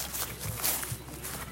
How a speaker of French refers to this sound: Bruit de pas.